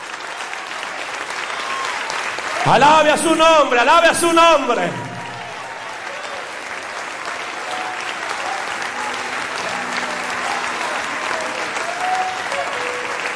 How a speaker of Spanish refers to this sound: Fuerte ese aplauso al Rey de Reyes.